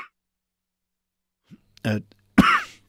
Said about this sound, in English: got the coughs, folks. Sorry about that.